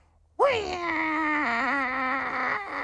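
An angry cat, heard in the morning while riding in, lets out one long, loud yowl that swoops upward at the start, then holds a wavering, nasal wail for over two seconds before trailing off.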